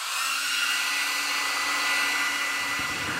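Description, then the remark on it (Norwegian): An electric hand dryer hanging beside a sink blows steadily with a loud, even rushing whoosh and a faint low hum underneath. It is being used to dry a pair of rinsed shoes, and it holds constant throughout without pause. “Det henger en håndtørker ved siden av vasken.”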